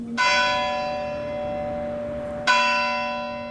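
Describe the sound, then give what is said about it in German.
A church bell in the village of Bardenac strikes the full hour, tolling twice about two and a half seconds apart, each loud, ringing toll sustaining its harmonic hum into the next with nothing else audible. “Nach dem Glockenschlag zur vollen Stunde wirkt die Stille noch stiller.”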